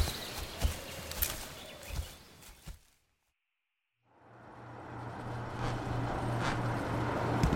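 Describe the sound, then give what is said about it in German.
After a few scattered knocks and a moment of silence, a small car's engine fades in, its steady low hum and road noise growing louder as it draws nearer. “Das ist doch die winzige Karre”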